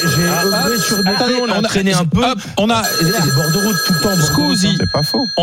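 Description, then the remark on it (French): A telephone rings for an incoming listener call on the radio show Les Grandes Gueules, a steady, high electronic tone that breaks off briefly midway and then resumes, while people talk loudly over it throughout. “On a un appel GG, c'est-à-dire l'une de nos grandes gueules qui est en train d'écouter l'émission, c'est la nouveauté et qui veut intervenir.”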